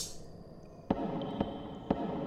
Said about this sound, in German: Was war das? Was war was? Habt ihr das Klopfen nicht gehört?